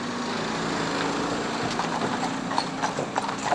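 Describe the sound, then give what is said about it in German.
Horse hooves clop at a walking pace on hard ground, a loose, uneven patter that grows more distinct partway through, over a steady low engine-like rumble. No one speaks. “Die Pferde erholen sich im LKW.”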